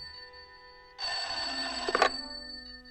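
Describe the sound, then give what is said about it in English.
A telephone bell rings in one continuous, loud burst of about a second, with a brief clatter near its end before it cuts off into quiet. “Sounds like the phone to me.”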